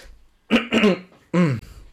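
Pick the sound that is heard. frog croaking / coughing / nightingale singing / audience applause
coughing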